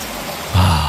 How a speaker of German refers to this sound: Herrlicher Regen. Wie schön, oder?